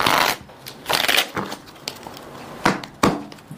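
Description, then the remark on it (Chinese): A freshly opened deck of playing cards is shuffled to mix it up, with bursts of crisp riffling and papery flutters separated by brief pauses, then a few quick snaps as the cards settle. “OK， 好，这个还切还不够乱，那咱们得去这样去洗牌。”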